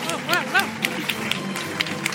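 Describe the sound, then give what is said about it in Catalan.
An audience applauds steadily at the presentation of a town festival's collective graphic image, with a dense patter of clapping that rises and falls. Voices shout "bravo" and cheer over it, and a few short whistles cut through. “I també dir-vos que penso que aquesta és la vegada que la imatge de Festa Major ha estat una obra col·lectiva amb tantíssima gent i que això es mereix un fort aplaudiment per totes elles.”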